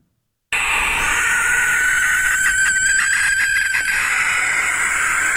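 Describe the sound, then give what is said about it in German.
A barn owl's shrill, raspy screech begins abruptly after a brief silence and holds as one long, loud, hissing scream for about five seconds, steady. “Es gibt ein Schlusslicht im Ranking der vorgespielten Vogelstimmen, und zwar ist es die Schleiereule, die ein sehr schrilles Kreischen hat, und das klingt dann am Ende ungefähr so.”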